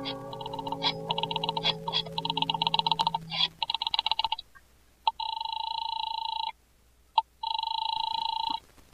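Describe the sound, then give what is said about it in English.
A dial telephone being dialed with a shaking hand to call an office, a quick run of clicks and short tones, then a steady electronic ring that sounds twice with a pause between. It is clear, with no talking. “I bolted the door, picked up the phone, and started to dial the number of Harvey's office.”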